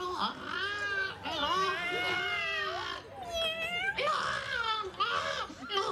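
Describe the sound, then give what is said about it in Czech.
A cat meows loudly, about five long, drawn-out wailing meows in quick succession, their pitch rising and falling with barely a pause between them. “tady je někde kočka.”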